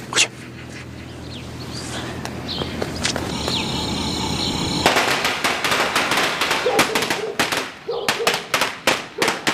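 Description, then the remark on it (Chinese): A string of firecrackers, thrown inside to make someone come out, pops and cracks in sharp, irregular bursts, growing denser and louder partway through, with faint voices and background noise underneath. “把一串鞭炮扔进去，看我二哥出不出来。”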